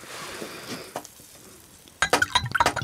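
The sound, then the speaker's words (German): Apple-cherry juice pours into a glass, half a glass, with a soft, steady splashing hiss, then turns louder and more gurgling near the end, with a few bright glassy clinks. No one speaks. “Schenkst du mir auch ein halbes Glas ein?”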